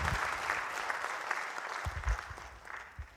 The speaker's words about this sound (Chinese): 咱们都在这里给我鼓掌哎！